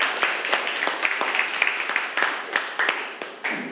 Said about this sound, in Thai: ครับปรบมือให้เพื่อนด้วยครับนักเรียนนะครับ